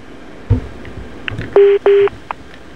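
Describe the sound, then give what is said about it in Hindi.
A soft click, then two steady electronic telephone beeps in quick succession, each lasting a fraction of a second, as a caller hangs up the phone. No one speaks. “कोशिश यही पे करना है सर, और कोशिश नहीं करेंगे सर, इसलिए फोन काट चुके हैं।”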